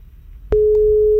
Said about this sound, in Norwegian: Der ringer det, vet du. Og det en dame som vi prøver å få tak i. Skal vi se om hun svarer på telefonen, da.